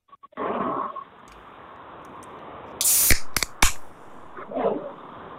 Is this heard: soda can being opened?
yes